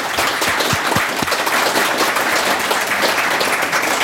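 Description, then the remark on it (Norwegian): A crowd claps steadily and loudly, a dense wash of many hands with no pauses, sustained for the full few seconds with a few sharper individual claps early on. The crowd is applauding the museum staff at a Viking Age festival (Vikingtidsfestival). “Alle ansatte I museet, gi dem en stor applaus.”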